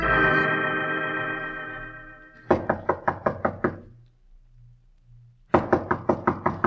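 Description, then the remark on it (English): A sustained musical chord fades out, then a loud series of about six quick knocks on the door of the mysterious Colonel Stark in Sherlock Holmes, a short pause, and another insistent round of rapid, sharp knocking. “We find him at the door of the mysterious Colonel Stark.”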